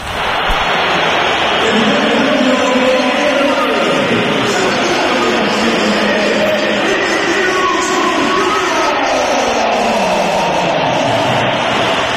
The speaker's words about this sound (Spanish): Mira, o vamos a oír los pitos también a Vinicius cuando se iba del partido.